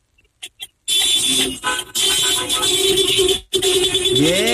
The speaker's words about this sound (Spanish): A ver, toquen el claxon todos los que están formados. A ver, toquen el claxon. El claxon.